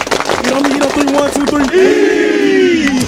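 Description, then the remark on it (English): The Kings Mountain High School football team claps fast and in unison, sharp rhythmic beats under loud chanting voices, then the clapping gives way to a long, drawn-out collective shout. “Everybody clap it up.”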